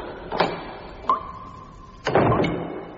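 A latch clicks, then a thin, steady creak drones for about a second before a heavier thud and rattle as the door swings open. Clear, with no voices.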